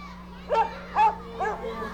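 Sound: small dog barking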